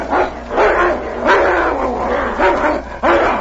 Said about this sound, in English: Suddenly, the growling stopped. One of the animals lay quietly in the snow.